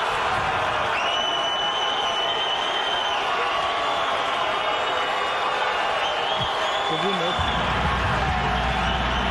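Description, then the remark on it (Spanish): A stadium crowd cheers in a loud, sustained roar as Ancelotti announces Neymar's name, with shrill whistles rising above the noise and a brief low thump near the end. “Y luego después dice Neymar y todos se vuelven locos y escucha.”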